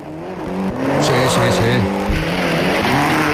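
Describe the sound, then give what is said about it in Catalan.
A racing car engine roars loudly, its pitch climbing and shifting through gears with a brief tyre squeal, sustained at high volume for the whole stretch. “Dona el xec, que és un motor com Déu mana.”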